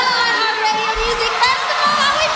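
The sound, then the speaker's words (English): A large concert crowd at the iHeartRadio Music Festival presented by Capital One cheers and screams continuously, a loud, dense wash of high-pitched shouting and whooping that stays at full intensity without a break. “Can you hear how electric that crowd is?”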